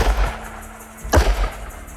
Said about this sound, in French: Quelques instants plus tard, le silence de la plaine est transpercé par le fracas de 2 coups de feu.